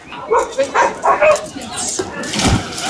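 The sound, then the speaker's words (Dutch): Several dogs bark and yip in quick bursts at an outdoor swimming pool in Groningen during a dog-swimming event closing the swimming season, with a busy, echoing crowd murmur and splashing-like noise around them, moderately loud. “Nee, het was vooral open voor honden. En je kon met je eigen hond gaan zwemmen.”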